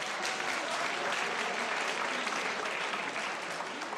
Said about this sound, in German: Schön, das ist ein Applaus.